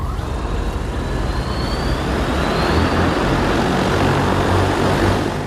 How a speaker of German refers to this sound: Es ist der ganze Stolz des chinesischen Unternehmens Ehang, das eigene Flugtaxi. Im kommenden Jahr will man die ersten testweise in China einsetzen. Wirtschaftsministerin Reiche und ihrer Delegation werden sie jetzt schon vorgeführt.